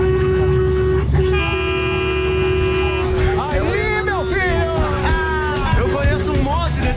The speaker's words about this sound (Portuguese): Ambulância, buzina aí. Buzina? Ó, buzina aí, ó.